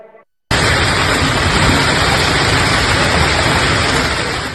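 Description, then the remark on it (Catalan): A hailstorm pours down on a Monday evening in Tarragona in a loud, dense, unbroken roar of countless rapid impacts, starting abruptly after a brief moment and holding steady to the end, with no voices. “Així sonava la calamarsada que queia aquest dilluns al vespre a Tarragona, una tempesta que ha inundat carrers, baixos i comerços i que ha fet caure diversos arbres, afectant la mobilitat.”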